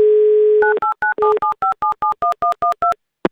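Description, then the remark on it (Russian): A steady telephone dial tone gives way to about a dozen quick, evenly paced touch-tone beeps as Avtoradio dials a listener during its game 'Mnogo deneg', ending with a short click. No voices are heard. “Звоним ему.”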